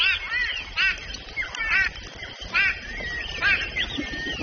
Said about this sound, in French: Surpris, tous les oiseaux de la mare s'envolent. Écoute, tu entends le vol des oiseaux?